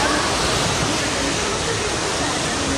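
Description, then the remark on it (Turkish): Rushing floodwater pours from overflowing streams in Demre district, Antalya, Turkey, where dozens of homes were flooded, in a loud, steady roar of churning water that stays constant for the whole few seconds. “Özellikle Demre ilçesinde derelerin taşması sonucu onlarca evi su bastı.”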